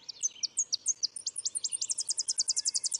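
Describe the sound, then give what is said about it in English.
A Tennessee warbler sings alone: a series of high, sharp chips that speeds up and ends in a rapid, even trill, clear, with no voices. “In fact, these warblers may help protect trees from spruce budworm.”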